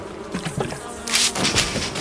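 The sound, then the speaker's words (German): Wasps buzzing, a steady droning hum that swells louder in the second half as insects dart around, with no voices present. “Wespen.”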